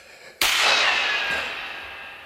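Two shots fired at a man: a loud, sharp gunshot cracks out and rings off in a long echoing tail, with a fainter second report following about a second later. No voices are heard.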